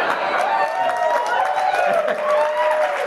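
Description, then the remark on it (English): An audience claps steadily for about three seconds, the dense patter mixed with crowd voices, whoops and cheers riding over it at a fairly loud, even level. “I hope you're not clapping.”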